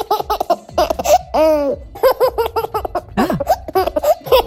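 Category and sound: human body sound, baby laughing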